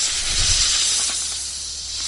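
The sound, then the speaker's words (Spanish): A snake's steady, breathy hiss, loud, holding for about two seconds with a faint low rumble near the start. No one speaks. “No es el silbido de una serpiente.”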